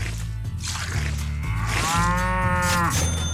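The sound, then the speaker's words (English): A cow named Bessie lets out a long, drawn-out moo that rises and wavers in pitch before trailing off, heard clearly over a steady low hum. No one speaks. “Let's go another squeeze, please. Okay, I'm going to give her a sip out of my my Gas King mug here.”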